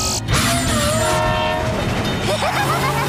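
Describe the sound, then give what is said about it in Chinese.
A loud train horn blares for about a second over heavy rumbling rail noise, then the train keeps roaring past with a rattling, clattering rush and a brief metallic squeal. “现在我们还得等火车通过吗？”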